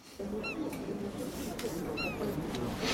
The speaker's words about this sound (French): Il y a une mouette, oui.